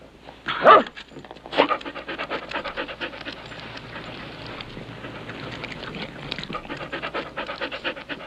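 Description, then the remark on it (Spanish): A dog pants rapidly and steadily, quick breathy huffs running throughout, with a couple of louder bursts near the start and no one talking. “¡Vení, perro tonto!”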